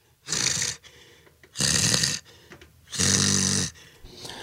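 Three loud, rough breaths blown straight into a microphone, spaced about a second apart with quiet gaps between. They sound harsh and hissy, and the last one has a raspy, snore-like rattle.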